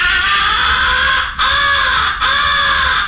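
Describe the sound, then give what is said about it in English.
A crow caller blown loud, imitating a crow locating an owl or in distress, giving three long, harsh, drawn-out caws in quick succession with only brief breaks between them. “You are imitating a crow locating an owl or in distress and plenty peeved.”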